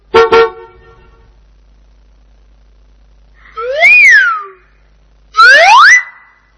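A single short, loud bus horn honk opens, then after a quiet pause come two louder sweeping, whooping tones rising and falling in pitch. No one speaks.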